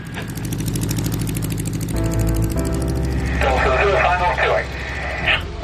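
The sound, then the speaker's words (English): The propeller engine of a Spanish Jungmeister biplane drones steadily with a rough, pulsing rhythm, shifting pitch as it powers up and becomes airborne at a midsummer gathering of pilots, fairly loud, with a voice talking over the engine noise. “Tony's invited pilots to see the Spanish Youngmeister for the first time. Craft Whiskey Golf that's just airborne.”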